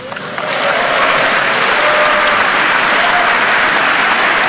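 Loud, sustained applause from an audience, a dense wash of many hands clapping that swells quickly and holds steady throughout, with no voices standing out.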